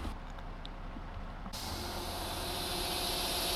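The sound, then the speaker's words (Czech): A narrow-gauge train about to depart Jindřichův Hradec on a Monday morning rumbles low and steady, then a loud, sharp hiss of released air bursts in partway through and keeps going over the rumble. No one speaks. “Je pondělí ráno a z vlaku úzkokolejky, která už za chvilku vyjede z Jindřichova Hradce”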